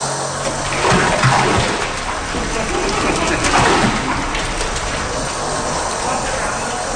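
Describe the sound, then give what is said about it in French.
Thick, wet fish-sauce sludge splatters and slops onto a cement floor in a steady, noisy stream during a cleanup project in St. Mary's, eastern Newfoundland, swelling into two heavier splashing surges before settling into a continuous messy spatter. “Ah, rien que d'imaginer ce que c'est, ce bruit de boue qui tombe sur le sol en ciment, là.”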